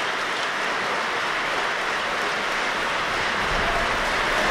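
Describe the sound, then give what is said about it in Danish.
Sustained applause from the audience in the hall after an evening's Verdi opera performance by the opera chorus, the Royal Danish Orchestra and soloists, conducted by Pappano; a dense, steady wash of many hands clapping that swells slightly toward the end, with no voices standing out. “Og nu kan vi altså høre ind fra salen, hvordan de modtager en særdeles velfortjent applaus for den her hele aftens forestilling.”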